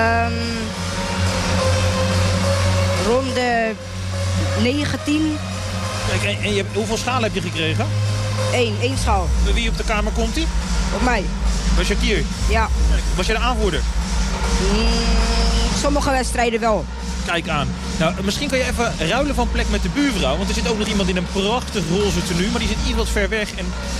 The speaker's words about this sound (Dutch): je hoort het op de achtergrond. Het is natuurlijk een enorm kabaal hier in die propvolle Kuip.